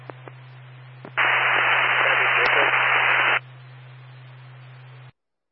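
A loud burst of hissing radio static lasting about two seconds over a steady low electrical hum, with faint clicks before it, as on a police radio channel with no voices.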